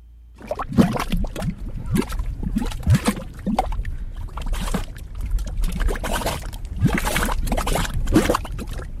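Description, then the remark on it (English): Thick gray mud in geothermal mud pots bubbles and spits in a steady run of wet pops and gloops, overlapping bursts with low, gurgling bodies and brief splashy tops, continuous for several seconds with no voices. “These are mud pots. They look like little volcanoes spitting gray mud.”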